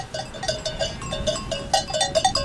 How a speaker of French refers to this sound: Ici, c'est votre élevage et une partie de votre troupeau devant nous. Complètement. Mais là, on est devant les 300 brebis qui sont en train de mettre bas, qui ont commencé à mettre bas il y a déjà 3 jours.